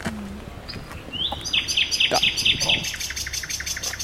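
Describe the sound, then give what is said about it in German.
A nightingale sings in dense bushes by a bridge, a rising whistle followed by a quick run of bright, repeated chirping notes, then softer trailing phrases over a low outdoor rumble. “Und auf der anderen Seite haben wir hier zur Brücke hin jetzt ganz, ganz viel dichtes Gebüsch und prompt singt auch gleich eine Nachtigall hier in dem Gebüsch.”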